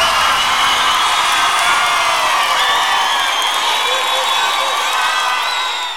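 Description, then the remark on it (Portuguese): A crowd cheers and whoops loudly and steadily for several seconds, many high voices shouting over a dense wash of noise that may include clapping, easing slightly at the end. “Quem gostou, levanta a mão e bate palmas.”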